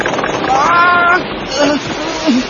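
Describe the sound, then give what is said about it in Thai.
Cyclone winds roar steadily against a sailing junk on the ocean, a dense rushing noise with brief whistling, creaking tones rising and falling through it, loud throughout. “ยังไม่ทันที่ชายหนุ่มทั้งสองจะเข้าไปหาที่หลบพายุในเรือได้ตามที่คาดการไว้พายุหมุนก็โหมพัดเข้ามาปะทะเข้ากับเรืออย่างจังด้วยความแรงและเร็วของพายุส่งผลให้เรือสำเภาที่ทั้งสองโดยสารมาอับปางลงสู่ก้นมหาสมุทรในทันที”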